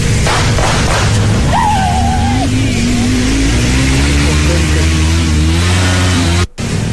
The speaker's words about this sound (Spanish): A ver, miren, ahí va la moto.